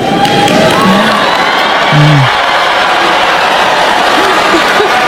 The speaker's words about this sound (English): See, that was not an applause line, and that was a surprise boo line.